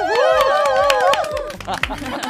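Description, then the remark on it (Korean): An audience claps in quick, steady rhythm while voices whoop and cheer over it, the cheering fading after about a second and a half as the clapping continues loudly. “다음 세대 어디까지 들어갔니? 들어갔니? 박수!”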